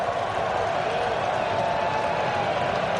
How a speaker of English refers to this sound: And a very loud sellout crowd here in Cleveland.